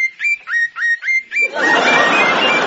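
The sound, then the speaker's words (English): On a sunny day under a blue sky, a bird sings a run of five bright, rising whistled notes in quick succession, then a steady rushing wash swells up while fainter chirps carry on beneath it. “The sky was blue. The sun was out. The birds were singing.”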